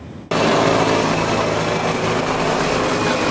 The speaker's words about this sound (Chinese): 伴随着直升机螺旋桨的轰鸣声，直升机飞行表演震撼登场， 数架国产直升机依次进场